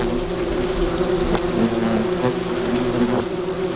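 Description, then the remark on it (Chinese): A steady, continuous buzzing of wasps holds a low droning pitch with overlapping harmonic whines, staying fairly loud and even throughout, with a few brief clicks and rustles mixed in. “作为回报，幼虫会为胡蜂工蜂提供一种营养丰富的分泌物，因为成年胡蜂已经无法自己消化固体食物。”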